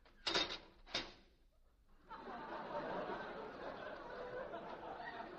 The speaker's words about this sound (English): What was that? Time lock on the door. Time lock? When does it open? In June.